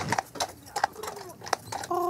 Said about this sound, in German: Das ist das Schöne an dieser Insel, dass man fast kein Autogeräusch hört und dass man auch kein Benzingestank hat. Und dass man, wenn man morgens aufwacht, das Pferdegetrappel hört. Und das ist einmalig.